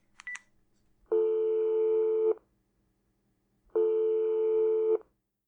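A quick burst of telephone dialing beeps as someone calls their mother, then two long, steady buzzing phone tones, each lasting over a second and separated by a pause of silence. No one speaks.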